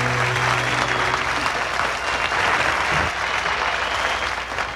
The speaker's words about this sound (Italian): Ah, tu mi fai ripartire la canzone solo per gli applausi? Ah, sono contento.